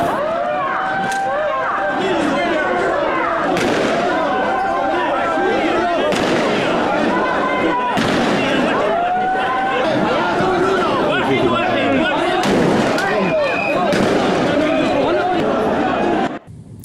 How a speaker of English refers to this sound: Spanish police fired warning shots into the air and used tear gas in attempts to control crowds of illegal migrants who had been sleeping rough on beaches for weeks, waiting to be relocated to an official camp in the port area.